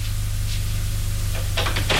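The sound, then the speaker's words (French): A door opens over a steady low hum, with a couple of short clicks and rattles from the latch near the end, moderately loud. “La porte est ouverte. Le bruit lui a fait lever les yeux.”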